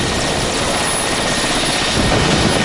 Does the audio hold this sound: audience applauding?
no